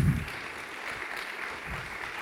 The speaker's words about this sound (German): Und das ist zum einen, ich gehe gleich mit hoch, warten Sie, Claudia Müller von den Grünen. Ein Applaus für Claudia.